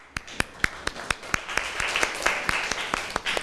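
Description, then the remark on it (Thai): A class of students claps for a classmate, starting with a few distinct sharp claps at a steady beat and building into fuller, denser applause from several people. “ค่ะขอบคุณค่ะปรบมือให้เพื่อนหน่อยค่ะ”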